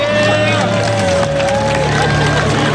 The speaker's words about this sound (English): In the Icelandic capital, hundreds gathered in front of the city's largest church for a minute of total darkness in the middle of the day.